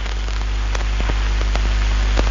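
Heavy rain pours down in a steady, dense hiss, with sharper drops and splashes standing out now and then. The sound is continuous, and no one speaks.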